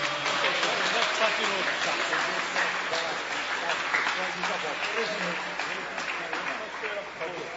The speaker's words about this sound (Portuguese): mas vamos recebê-lo, muito melhor, vamos recebê-lo como? Com aplauso para Jesus.